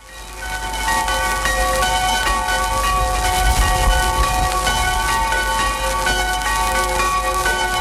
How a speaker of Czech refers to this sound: Oba byly na jaře roku 1942 zabaveny pro potřeby válečného průmyslu. Dochovaný zvukový záznam z rozhlasového archivu je tak jediným svědectvím o tom, jak před válkou tyto zvony zněly.